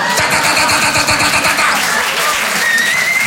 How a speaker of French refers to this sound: Et au bout d'un moment, il y a un mec près des lavabos qui déclenche le souffleur à main. Ça c'est le signal, les gars.